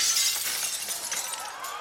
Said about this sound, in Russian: Внезапно с потолка упала люстра, и со страшным грохотом разлетелась на 1000 осколков.